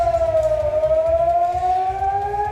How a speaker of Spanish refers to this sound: La sirena sonando en Israel, donde la Guardia Revolucionaria iraní ha lanzado misiles esta pasada madrugada, y ahora mismo tenemos noticia de que se podían estar produciendo nuevos ataques.